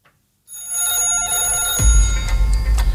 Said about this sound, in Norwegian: Og det ringer.